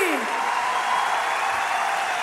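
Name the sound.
audience applause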